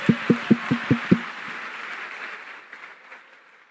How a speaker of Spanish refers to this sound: Por fin aplaudieron los hombres, apenas dije gay.